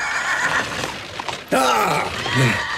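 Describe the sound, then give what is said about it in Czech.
A horse lets out a loud whinny partway through, its quavering cry sliding downward and trailing off, after a stretch of softer, murky background noise. “Nějaký šílenos mi praší koně, pánové.”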